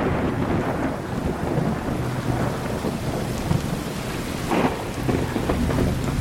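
Steady heavy rain pours down while low thunder rumbles continuously underneath, with a slightly sharper crack around the middle; no voices, just the dense wash of the storm throughout.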